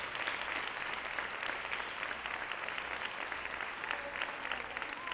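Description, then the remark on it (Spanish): A church audience applauds the Lord during a Christian sermon, a steady, dense, sustained wash of many hands clapping at once with no voices standing out, holding at an even level from start to finish. “Le da un aplauso al Señor.”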